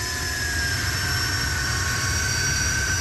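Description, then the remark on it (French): A turbine-engined car roars loudly as it accelerates to 140-150 km/h, a dense rumble with a steady high-pitched whine on top, holding constant throughout with no voices. “Je surveille un peu mes moyens, je mets de plus en plus de gaz. À 140 km/h, 150.”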